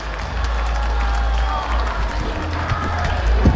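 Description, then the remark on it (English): A baseball stadium crowd applauds and murmurs, a steady wash of clapping and chatter that swells slightly toward the end, with low rumble underneath, as fans applaud Bruce the Bat Dog going out to collect the bat after a ground out. “The off man retired for Caden Wallace as Bruce the Bat Dog once again goes out and collects the bat to the applause of the fans.”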